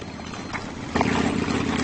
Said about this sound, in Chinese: 但是今天，一些游牧民骑上了摩托车。他们用摩托车隆隆的马达声驱赶牲畜。